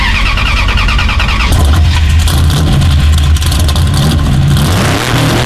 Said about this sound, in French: on dirait que ça a démarré la voiture, là, non? Ouais.